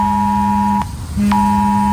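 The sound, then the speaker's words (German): A harsh, loud electronic alert tone sounds steadily, breaks off briefly, then resumes, like a mobile phone's emergency warning blaring, with no voices; it relates to Warntag in Thuringia, Germany, when the war and disaster alarm systems are tested at 11 a.m. “Schrillende Handys und heulende Sirenen, darauf solltet ihr euch heute Vormittag einstellen.”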